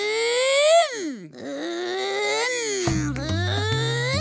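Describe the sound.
The voice of Kakadu, asked for its loudest car noise, loudly imitates a car engine, a continuous vroom whose pitch swoops up, dips and rises again, then turns into a rough, buzzy rumble for the last second or so.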